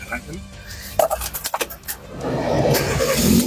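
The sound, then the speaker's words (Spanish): The engine of a small 2014-model car cranks in a quick series of rhythmic pulses after a few clicks, then catches and settles into a steady, rising idle rumble. “Arránquenme. Este carro, mire, para hacer mandados, olvídese”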